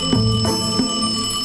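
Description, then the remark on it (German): A bright, metallic telephone bell rings in quick repeated bursts, loud, with its tone hanging on between strikes. No one speaks. “Bis das Telefon klingelt.”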